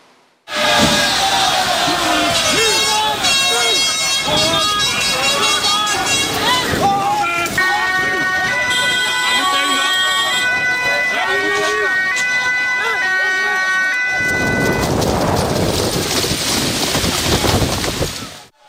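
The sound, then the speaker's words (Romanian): A loud, chaotic street confrontation between police and dozens of anti-migration protesters in The Hague: a dense crowd roars and shouts continuously, with wailing sirens or horns cutting through the din, as protesters throw pieces of curb and fireworks. “Au fost ciocniri violente astăzi între poliție și zeci de protestatari la Haga.”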